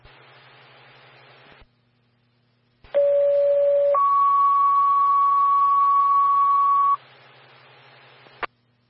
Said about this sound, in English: Bell Creek Fire, stand by for tones on a fall.